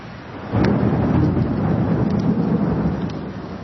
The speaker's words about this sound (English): The storm is this inverse winter's sweet respite. When it happens, you know why it is they call it the monsoon.